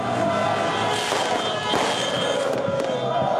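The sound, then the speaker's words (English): Fireworks set off in The Hague, Netherlands, after a Morocco versus Netherlands football match crack and pop a few times amid a loud, constant roar of outdoor noise, with sharp bangs standing out over the dense crowd din. “In the Dutch city, The Hague, riot police deployed water cannons after fireworks were set off after the game.”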